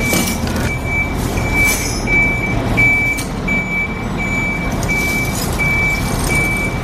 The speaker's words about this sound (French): Et donc là, ils sont en train de mettre en place le camion pour la mettre sur le flanc pour faire donc le calfatage.